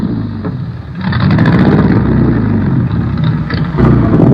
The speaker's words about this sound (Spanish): Ese auto tan misterioso tiene el motor de carreras más potente y peligroso de todo el mundo.